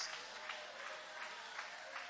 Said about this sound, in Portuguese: Levanta a sua mão e vai aplaudindo.